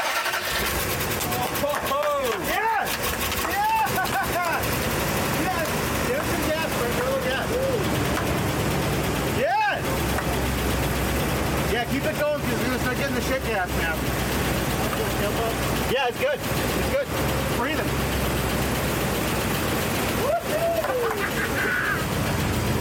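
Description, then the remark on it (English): A truck engine, mounted in the cab with its doghouse cover open, cranks, catches and roars to life, then keeps running loud and rough, revving in uneven bursts while people talk over the noise. “If it turns, it's going to blow a lot. The doghouse is open inside”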